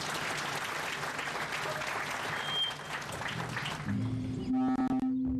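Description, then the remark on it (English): A crowd applauds a minister after a keynote address, steady dense clapping for about four seconds, then it thins as a loud, sustained tonal music note rises for a musical interlude and takes over at the end. “A very big round of applause for the minister.”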